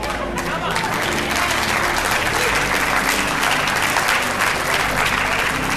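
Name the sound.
audience clapping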